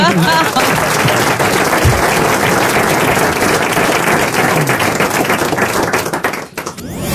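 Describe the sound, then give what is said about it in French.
Steady, loud audience applause with dense, rapid clapping that fills the whole clip, briefly dipping near the end before picking back up. “Ils applaudissent, ils applaudissent.”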